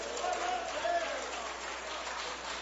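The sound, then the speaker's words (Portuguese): A large church crowd claps loudly and steadily in thanks to the Holy Spirit, a dense wash of applause filling the whole moment, with a faint voice or cheer rising briefly above it near the start. “Quem agradece ao Espírito Santo com palmas bem forte.”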